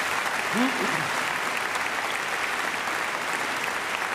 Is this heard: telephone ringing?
no